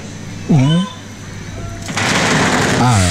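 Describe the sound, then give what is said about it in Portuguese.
A dense, steady crackling hiss of fireworks, falling like a curtain or rain of fire, sets in partway through and continues to the end, with short bursts of voices heard before it and again over it. “É quase como uma se fosse cortina, uma chuva de fogo de artifício.”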